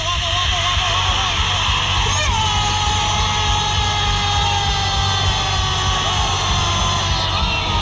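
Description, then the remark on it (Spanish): A huge stadium crowd in Lima roars continuously for several seconds at Paraguay's goal against Peru, a dense wall of cheering, yelling and whooping that stays loud and steady throughout without any clear individual voices. “Pero el grito de desahogo llegó en Lima.”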